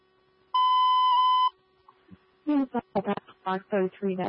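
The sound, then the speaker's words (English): A building alarm on the 7th floor gives one steady, piercing electronic tone lasting about a second, followed by a short pause and then a voice talking over what sounds like a radio channel as responders attempt to reset the alarm. “Attempting to reset the alarm.”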